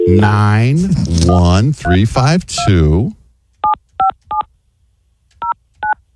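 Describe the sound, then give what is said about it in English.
A voice talks for a few seconds, then a phone number is dialed: five short, clear keypad tones, three in quick succession, a brief pause, then two more. “Here, you want me to call the number?”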